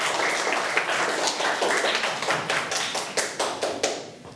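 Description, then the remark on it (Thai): A class of schoolchildren clapping together for the last presenter, a dense run of overlapping hand claps that stays steady for several seconds and then thins out toward the end. Nobody speaks. “ปรบมือกับคนสุดท้ายของเราหน่อยยอดเยี่ยม”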